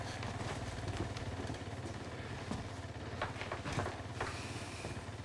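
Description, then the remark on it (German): A motorcycle engine idles steadily outside, a continuous low rumble with a rhythmic pulse and occasional sharper clatter on top, with no voices. “Ich kann dieses scheiß Motorrad nicht mehr hören.”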